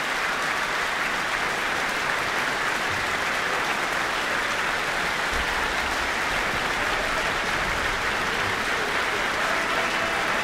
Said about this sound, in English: Well, he's joined hands with the conductor, receiving the applause of not only the audience, but also the orchestra here in the Michael Fowler Centre.